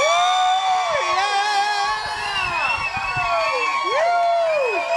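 A loud crowd cheers continuously, with many high whoops and shouts sliding up and down in pitch over a dense wash of audience noise for the full five seconds.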